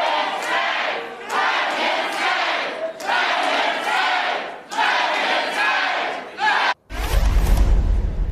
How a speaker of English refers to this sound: He seems nice, and he hopes that Democrats have a retaking control of Congress starts with people in the crowd you just heard from there voting their representative Republican Congressman Mike Lawler out of his job, out of office.